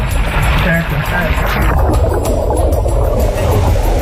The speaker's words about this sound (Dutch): Hij had bedacht om bijvoorbeeld met een auto te water te gaan, zodat je weet wat je moet doen als dat een keer gebeurt. Nou, dat klonk dan zo.